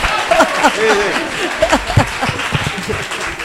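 An audience applauds steadily for several seconds, a dense patter of many hands clapping at once, with a few voices calling out over the applause.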